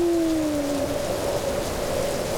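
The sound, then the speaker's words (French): Steady, dense hiss of heavy rain falling in big drops, with a thin whistling wind tone as the wind rises and blows ever stronger; the tone drifts slowly downward and holds throughout. Continuous and fairly loud, with no voices. “Grosse goutte. Le vent se lève. Il souffle de plus en plus fort.”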